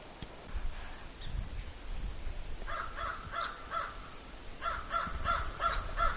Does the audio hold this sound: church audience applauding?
no